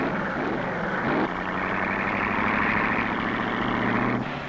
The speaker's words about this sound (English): He breaks the first light beam, sets the timing machine in operation. He breaks the second light beam at the finish. The time is registered, announced, and recorded at the board under the starter stand. Car after car goes out.